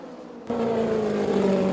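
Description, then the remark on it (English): The engine of Janet Guthrie's green and white race car roars in abruptly after a brief quieter moment as it passes on the track toward turn three, a steady loud drone with a strong low tone and a slightly rough, uneven, sour edge, with no voices. “The engine does sound a little sour”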